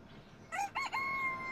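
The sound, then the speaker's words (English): A rooster crows a single loud cock-a-doodle-doo, starting with choppy rising syllables and ending in a long, steady held note, clear against quiet background. “Yes, chicken.”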